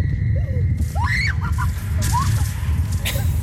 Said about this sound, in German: Also wenn diese Rutsche sie schon so zum Schreien bringt, das ist ja der Wahnsinn.